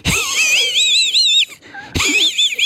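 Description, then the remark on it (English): A voice imitates the wheezy snicker of Muttley, the cartoon dog from Wacky Races: a raspy, warbling giggle held for over a second, a short pause, then a second wheezing burst, loud and without other talk. “You remember Muttley from Wacky Races, though, because Muttley was a dog. That's right. And used to go like this.”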